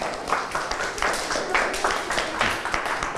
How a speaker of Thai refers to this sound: โอเคปรบมือให้เพื่อนครับ